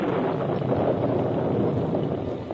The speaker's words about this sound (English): As they rode the trail toward camp, a sudden storm came up.